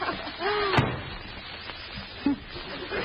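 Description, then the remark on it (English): A single sharp slam of a door at City Hall, a loud, brief bang preceded by a faint high whine, followed by a quieter thud and low background rumble. “See, there's two doors here. I'll just try this one.”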